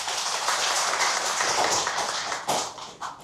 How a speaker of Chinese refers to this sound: 掌声欢迎郑金城先生。